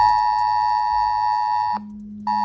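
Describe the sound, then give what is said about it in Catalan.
A loud, steady electronic emergency alert tone sounding on mobile phones during a press conference with mayor Collboni, a sustained harmonic buzz that briefly drops to a lower pitch before resuming, with no voices. The alert announces the government lifting restrictions in Penedès, Baix Llobregat, Barcelonès, Garraf, Vallès Occidental, Alt and Baix Camp. “en aquesta compareixença, on hem escoltat el senyor Batlle, el regidor Batlle i l'alcalde Collboni, hem sentit també, com nosaltres, perquè probablement segur vaja a haver sonat en el seu telèfon mòbil aquest so.”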